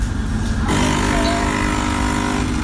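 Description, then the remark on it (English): A coffee machine gives a loud, steady mechanical drone that turns brassy and horn-like partway through, sounding like an air horn, with sustained buzzing tones holding until the end. No one speaks. “Well, somehow, somebody thought that their coffee machine sounded a little bit like that, and here it is.”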